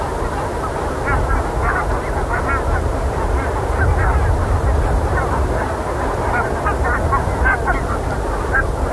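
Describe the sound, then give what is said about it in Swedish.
A large flock of geese honks and chatters continuously, many overlapping calls forming a dense, steady babble over a low rumbling background, consistently loud throughout. “att vara gäss är det ändå ett ganska behagligt ljud faktiskt.”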